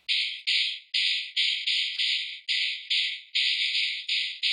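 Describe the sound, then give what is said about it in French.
A dried horse jawbone struck repeatedly against the hand or the ground, its few remaining loose teeth vibrating in a bright, dry rattle. About ten sharp hits arrive in a steady rhythm, each decaying quickly, with no voices present. “Il s'agit d'une mâchoire de cheval séchée, sur laquelle il reste quelques dents.”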